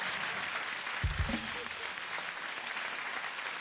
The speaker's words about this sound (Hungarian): Tapsoljuk meg a hölgyet, nem?